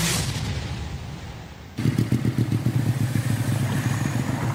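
After a brief rush of hissing noise, the engine of a new motorcycle roars loud with a fast, steady throbbing rumble as the rider speeds.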